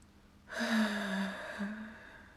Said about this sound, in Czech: Slyšel jsi, Strakapoude? Jakoby to žalem zavzdychal strom?